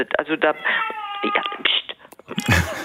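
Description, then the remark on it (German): A cat meows in a drawn-out, wavering wail, a few yowling calls run together, followed by a brief rustling burst at the end. “Ja, das ist, meine Katze singt auch ein bisschen.”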